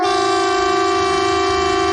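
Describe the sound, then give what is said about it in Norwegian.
A loud, steady civil defence warning siren, sounded in a police and civil defence test at 12 o'clock, blares continuously, holding one unwavering pitch with rich harmonics, with no voices present. “Og tyfonene.”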